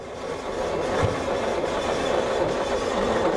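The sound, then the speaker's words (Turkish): A 900 cc engine that has not been run for some time cranks on its starter motor, with the ignition on and the starter button pressed. It makes a steady, rhythmic mechanical churn that holds at an even loudness for several seconds without catching. No one speaks. “Şimdi marş düğmesine basarak çalıştırıyorum.”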